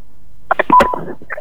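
A quick burst of telephone line tones, several short electronic beeps and a clicky connection sound in rapid succession, fairly loud, with no voices, as a phone call is answered live on the Pro Dangdut radio program.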